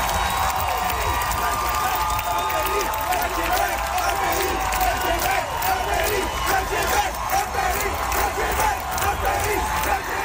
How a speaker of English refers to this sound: as the song ended and the applause swelled, some people in the crowd began to shout.